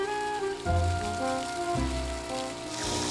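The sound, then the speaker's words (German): A morning water shower sprays into a wild boar enclosure during hot weather, switched on by a forestry worker: a steady hiss of spraying water throughout, with low rumbling thumps and faint tonal hum underneath. “Wasser marsch, die Poolparty kann beginnen. Forstwirt Christian Franken hat die morgendliche Dusche angeworfen.”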